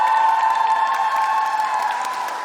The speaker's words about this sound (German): Wer von euch hat Bock auf die Eurovision? Und alle, die mit nach Dortmund kommen, mach mal einen fetten Applaus!